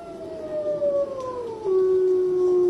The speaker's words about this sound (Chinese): 这只孤独的雪豹坐起身来，不远处响起了狼嚎声。